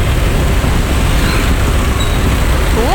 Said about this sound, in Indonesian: Kalau bisa-bisa sampai Sumbersari gang di masjid ini, sampai di sini masih ada antrian. Roda 4 bus, roda 2 juga.